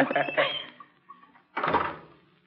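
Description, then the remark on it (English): A club's door swings shut with a single heavy, muffled thump and a short rumbling decay, after a stretch of rattling and scraping as it moves. “Just closing the door.”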